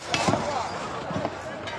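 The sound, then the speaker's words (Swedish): In Colombia, rescue workers dig through earthquake rubble with pickaxes that strike concrete in a few sharp, irregular metallic thuds, some in quick pairs, over a steady loud wash of background noise with shouts, voices and engine noise mixed in. “Hackor som slår mot betong, rop och motorljud och så plötsligt tystnad när räddningsarbetarna signalerar att de ska lyssna efter röster under rasmassorna.”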